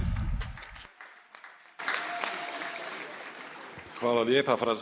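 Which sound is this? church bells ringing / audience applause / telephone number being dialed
audience applause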